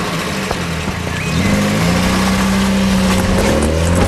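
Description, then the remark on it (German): A man gets into his car; the engine turns over and revs up around the midpoint, then holds a steady, rising drone as the car drives off, loud with no voices. “Ein Abschiedskuss, dann steigt Papa in sein Auto und fährt los.”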